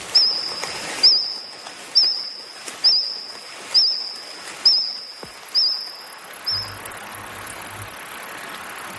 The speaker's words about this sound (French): Mais j'ai demandé à notre technicien Jean-Sébastien de nous faire entendre qu'est-ce que c'était que des moustiques de l'époque du Jurassique.